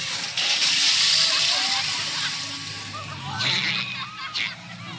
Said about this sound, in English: Oh, no! That big elephant is coming up to us, and it looks like he's going to squirt us. Everyone in the back, get down!